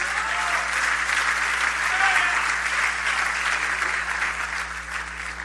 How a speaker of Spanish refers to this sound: Al Señor ese aplauso, désel.